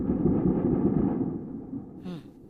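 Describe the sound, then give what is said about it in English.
A deep, rolling boom from an airstrike explosion in Kyiv, Ukraine, rumbles heavily through the low end, fading slowly before a brief sharper burst near the end, echoing outdoors. “We heard hours of very, very loud explosions like these.”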